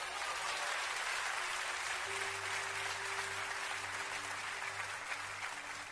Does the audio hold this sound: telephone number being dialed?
no